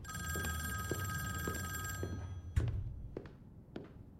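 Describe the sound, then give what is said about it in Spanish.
A vintage-style telephone bell rings steadily for about two seconds in a luxurious office, then cuts off with a loud thunk as the call is answered, followed by a few sharp clicks. “Un teléfono de estilo vintage suena.”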